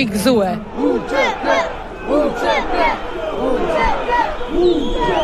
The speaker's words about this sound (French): Entre drapeau albanais et kosovar, la foule crie son indignation.